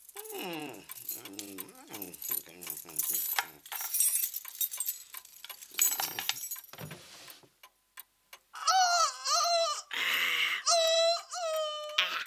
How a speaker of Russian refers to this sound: Вот здесь у меня были ключи всю ночь. Слышите? Вот тут, в кармане.